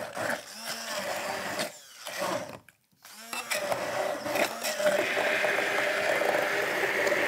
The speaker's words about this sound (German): So, unsere Erdbeeren geben wir also jetzt in das Glas und geben also jetzt zunächst mal in unseren Mixer hier rein.